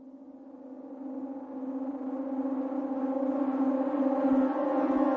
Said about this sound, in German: Als das abwärts fahrende Aufzuggeräusch verstimmt, gehen die schon einmal gehörten Sirenentöne los.